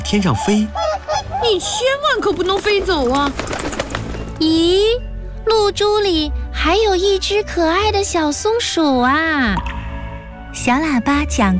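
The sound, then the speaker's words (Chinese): A white goose honks repeatedly and loudly as it tries hard to fly up into the sky, harsh nasal calls coming in rapid bursts with short pauses, continuing for the whole stretch. “白鹅毛针一边叫着一边努力地往天上飞”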